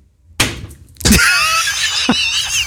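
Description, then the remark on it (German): A dart strikes the hard frame of a Lower Saxony (Niedersachsen) map with a sharp knock, followed by a louder clattering impact that leaves a bright, rattling ring, then one more smaller clack. No one speaks. “Der Feierabend-Dartpfeil muss auf der Niedersachsen-Karte landen, sonst geht's ja nicht los.”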